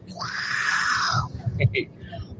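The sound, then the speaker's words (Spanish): A man's voice imitates a tiger with a long, strained, raspy roar that holds steady for over a second, then breaks into a few shorter gruff bursts before trailing off. “Bueno, mi sonido de tigre no es muy... que digamos, pero bueno.”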